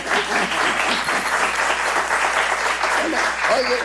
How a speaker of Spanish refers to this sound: Vamos a repetir el aplauso en un momento más.